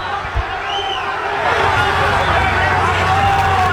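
A large stadium crowd of Cuenca fans roars and shouts in protest at Deportivo Cuenca's play near the end of a match against Libertad. The voices form a dense, steady wall that swells slightly louder midway and stays sustained to the end, with no single voice standing out.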